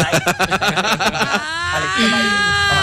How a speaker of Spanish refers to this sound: ¡Para ahora, caballo! Caballito relinchando esta mañana.